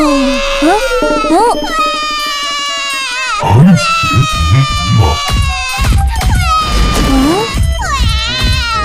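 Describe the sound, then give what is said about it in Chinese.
A child cries loudly, drawn-out wailing sobs that rise and fall in pitch, continuing without a break across the whole stretch. “我们来找找孩子的哭声从哪里传来。”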